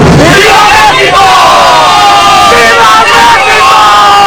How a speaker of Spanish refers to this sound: Ataviados con adornos y prendas verde, blanco y rojo, los colores de la bandera nacional, miles de personas abarrotaron el Zócalo capitalino para festejar la soberanía nacional.